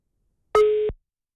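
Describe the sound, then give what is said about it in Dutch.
A single short electronic phone tone, a steady pitched beep lasting about a third of a second, a busy signal as an outgoing call is rejected. Clear, with no talking. “Het klonk alsof je weggedrukt werd, moet ik zeggen.”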